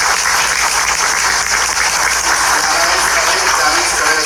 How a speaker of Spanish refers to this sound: Directora técnica del CEPI Niños Héroes. Fuerte los aplausos.